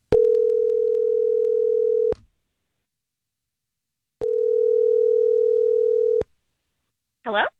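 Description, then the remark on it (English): Two long, steady telephone ring tones sound over a phone line as a call is placed to a woman, separated by a few seconds of silence, and then her voice briefly answers at the very end. “Let's call her and see if we can figure some things out.”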